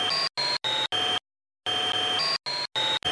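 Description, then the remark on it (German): A loud, buzzing vacuum cleaner drone plays in short choppy bursts, stops briefly, then returns with its pitch altered in a music program. No one speaks. “Ich nehme den Staubsauger-Sound und verändere hier die Tonhöhe. So klingt er normal und so verändert.”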